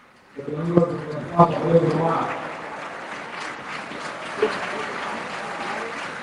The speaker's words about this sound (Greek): Χειροκροτείται ο Μπρούμα, θυμίζω ότι είχαμε σήμερα την πρώτη του εμφάνιση με τον Άρη.